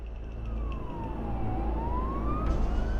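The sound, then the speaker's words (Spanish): A fire truck siren wails in one slow sweep as firefighters ride out as reinforcements, its pitch dropping and then climbing again, over a heavy, steady rumble of engines and traffic. No one speaks. “Así que prácticamente todo el personal subió a los camiones para unirse a sus compañeros.”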